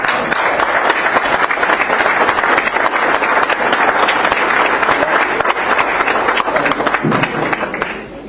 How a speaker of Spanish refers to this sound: Como respaldo fundamental a la brillante gestión de esta comisión directiva, que la magna asamblea brinde la propia con un cálido aplauso.